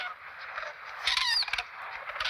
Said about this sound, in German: Ja, wer piepst da? Wenn man aufpasst, hört man dieses Piepsen. Wer ist das? Das sind die jungen Kraniche. Oh. Die sind genauso groß.